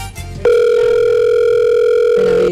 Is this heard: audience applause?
no